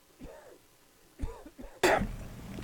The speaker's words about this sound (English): You're coughing up a lung over here.